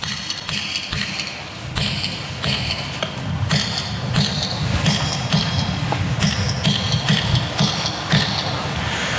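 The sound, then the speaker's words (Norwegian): Sharp, ringing metallic strikes tap out an uneven rhythm over a steady low rumble, a metal hammer driving a chisel into stone of the same kind Nidaros Cathedral is built from, with a bright clink on each blow. “Och hammer och mejsel och den gången har vi lite metallhammer och vi kan pröva lite.”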